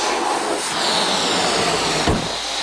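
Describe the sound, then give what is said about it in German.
Air rushes out of a released balloon in a loud, steady, breathy hiss that holds for a few seconds, with a brief low thump near the end. “Hat mal jemand einen neuen Ballon für mich?”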